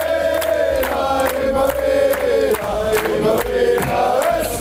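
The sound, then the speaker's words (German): A large crowd of football fans chants and shouts together in a loud, sustained roar, punctuated by steady rhythmic beats like clapping or drumming throughout. “Naja, wichtig ist, dass wir den wichtigsten Schrei dann hinkriegen.”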